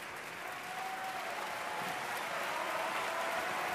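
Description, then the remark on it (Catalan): Sustained, dense applause from a large opera house audience, steady and enthusiastic throughout, with a faint murmur of crowd noise blended into the clapping. It is an ovation for the lead pair of singers, first for German mezzo-soprano Cristina Stanek in the role of Charlotte. “I ara ovació per la parella de la nit.”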